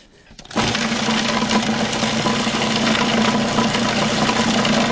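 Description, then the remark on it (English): A food processor kicks on abruptly and runs at a steady, loud whir, its motor hum droning for several seconds without pausing as it finely chops herbs including basil. No one speaks. “We are not pureeing. We are finely chopping.”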